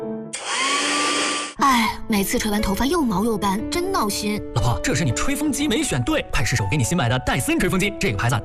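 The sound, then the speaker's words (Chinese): A hair dryer used to dry a woman's hair blows loudly and steadily for about a second, a rushing roar with a faint whine, then cuts off abruptly as a woman starts talking. “哎，每次吹完头发又毛又干，真闹心。”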